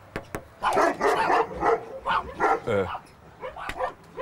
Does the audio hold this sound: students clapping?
no